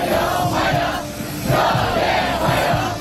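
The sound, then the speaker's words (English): A large crowd of students in Beijing cheers and shouts together, welcoming Donald Trump, loud and continuous, with rhythmic swells of chanting roughly every second. “And cheering students have welcomed Donald Trump to Beijing, where he's due to have talks with China's president.”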